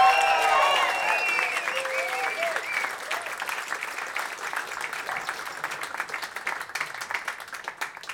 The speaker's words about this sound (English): Give a big applause